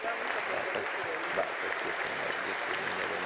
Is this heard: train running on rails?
no